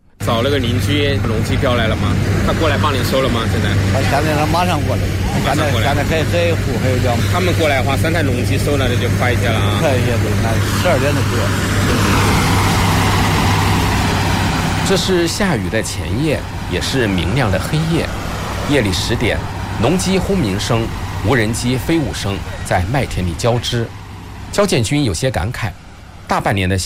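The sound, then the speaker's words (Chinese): Heavy combine harvester engines roar steadily and loudly in a wheat field at 10 p.m., joined by the high buzzing whine of lighting drones overhead, with indistinct voices mixed into the continuous din; a night wheat harvest before rain near Xiangyang, Hubei, China. “夜里10点，农机轰鸣声、无人机飞舞声在麦田里交织。”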